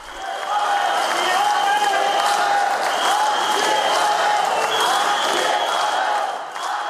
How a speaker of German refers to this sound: Während einige der Zuschauer Staatspräsident Petr Pavel auspfiffen, skandierte eine große Menge seinen Namen.